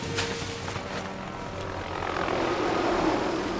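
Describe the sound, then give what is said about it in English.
A helicopter thunders overhead above a jungle, its steady rotor chop and engine roar swelling slightly louder as it passes, with no voices present. “A chopper flies overhead.”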